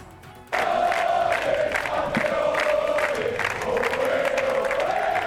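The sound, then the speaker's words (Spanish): A large crowd bursts into loud, sustained cheering and chanting of "campeones" after a brief quiet moment, many voices blending into a steady roar that holds for several seconds, as the world champion national team players are received at La Zarzuela. “Al grito de campeones han recibido a los jugadores en la zarzuela.”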